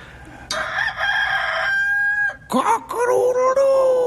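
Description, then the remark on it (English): A human voice mimics a rooster's crow, one loud, drawn-out call with rising and falling strained tones, followed by a couple of shorter squawky bursts. “Cock-a-doodle-doo!”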